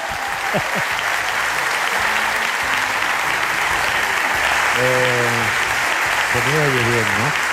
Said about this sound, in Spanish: Claro, tanto aplauso.